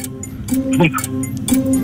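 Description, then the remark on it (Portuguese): A countdown timer, started for a game round of naming objects smaller than a phone, ticks steadily, with sharp, evenly spaced clicks about every half second, over a low hum and brief murmuring voices in the background. “Mas, posso pôr a contagem?”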